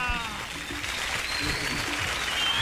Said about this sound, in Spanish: ¡Uy! ¡Aplausos, aplausos! ¡Gracias, Bucaramanga!